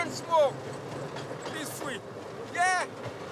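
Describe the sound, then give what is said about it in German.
Two short, wavering siren blasts ring out from a rail draisine rolling along the tracks in St. Kitts, clearing the line for the Scenic Railway sugar train, over the steady rumble of the vehicle, with faint voices in the background. “Genauso wie die Sirene zu ihrer Draisine.”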